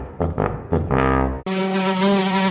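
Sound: fly buzzing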